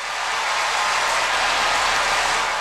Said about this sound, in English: Shayna gets an applause as well. Everyone gets an applause here on Giants Warm Up.